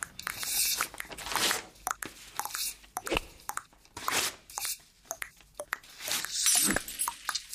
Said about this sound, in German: Jetzt, wo mir bewusst ist, dass die aufs Universum gesehen ziemlich einzigartig sind, höre ich anders hin. Sogar das Zerreißen von Papier wird zu einem Klang, der wertvoll ist.